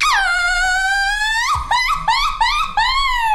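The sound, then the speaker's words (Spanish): A Mexican woman imitates a mariachi panzón grito: a long, high, held cry that climbs in pitch, then breaks into a run of quick, yelping warbles, loud and alone. “Échate un grito de mariachi panzón.”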